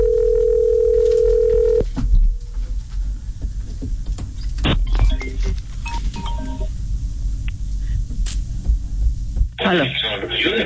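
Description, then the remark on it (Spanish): A steady, loud telephone line tone drones for a couple of seconds after the caller hangs up, then cuts off into scattered clicks and line noise, ending in a burst of static. “Colgó. Ay, Dios, colgó sí”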